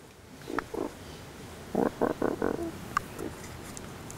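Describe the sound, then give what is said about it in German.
A colony of animals at Loro Parque gives short squeaky barking calls, a few scattered at first, then a quick burst of four loud yips in a row, followed by fainter squeaks over a low background rustle. “Hört sich zwar eher wie ein Quietschen an, heißt aber bellen.”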